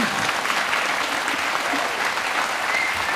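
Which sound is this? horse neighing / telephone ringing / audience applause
audience applause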